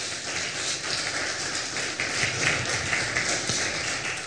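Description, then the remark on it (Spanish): A crowd claps steadily for several seconds in applause for the "King of Kings and Lord of Lords", a dense, even crackle of many hands with no pauses and no voices on top, holding at a fairly loud, constant level throughout. “Dale fuerte aplauso al Rey de Reyes y Señor de Señores.”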